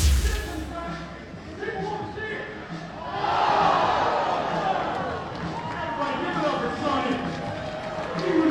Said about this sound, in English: You just heard a loud crowd reaction. We had a fan in between innings. They're doing a in-between inning activity. You always see in minor league parks. Some fan entertainment. A fan in one of the suites was throwing foam baseballs down